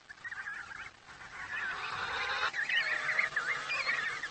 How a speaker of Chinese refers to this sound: 跟随镜头来到帝企鹅的栖息地。